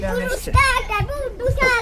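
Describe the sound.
Children play in the water of a pool in the garden of a house in Jihlava during a hot, tropical summer week, their high, excited voices calling out, with a few soft low thumps of movement in the water beneath.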